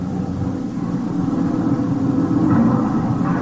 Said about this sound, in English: Hey, stop this lousy truck for a minute.